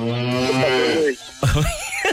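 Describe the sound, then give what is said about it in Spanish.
A loud, drawn-out cow moo lasting about a second, low and resonant, followed after a short pause by a brief burst of another vocal sound. “Vaca.”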